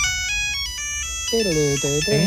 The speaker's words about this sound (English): Because Gen Zers are now switching more and more to dumb phones. Like going back to the old Nokia with this ringtone.